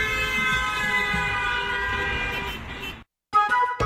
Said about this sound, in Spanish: la industria automovilística empezó a incorporar bocinas en sus coches para avisar de su presencia y prevenir a peatones distraídos. En 1914 llegó el claxon eléctrico y la evolución siguió hasta las bocinas que conocemos hoy y disfrutamos hoy en día.